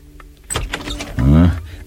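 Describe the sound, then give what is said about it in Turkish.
A spare room key scrapes and clicks in a door lock, a few quick metallic clacks followed by a brief, loud creaking groan as the door gives. “Odanın yedek anahtarını getireyim. İşte getirdim. Dua edelim de anahtar içeriden kilidin üzerinde olmasın.”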